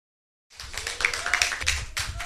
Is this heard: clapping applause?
yes